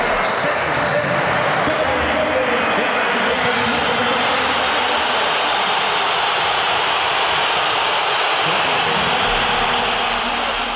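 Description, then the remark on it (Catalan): A large Atlético de Madrid football crowd boos Julián Álvarez loudly and continuously as Simeone brings him on with the score at 1-1 against Villarreal, a dense, steady roar of many voices that holds at full strength for about eleven seconds without letting up. “Durant el partit, i amb l'1-1 al marcador, Simeone ha fet entrar Julián Álvarez i l'afició ha respost amb una esbroncada pel jugador. La sentim.”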